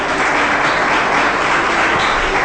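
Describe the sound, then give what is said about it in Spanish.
A church audience applauds Jesus Christ steadily, a dense, even wash of many hands clapping at once, loud and sustained throughout with no speech over it. “Denle fuerte ese aplauso a Jesucristo.”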